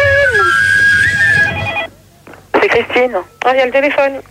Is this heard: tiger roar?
no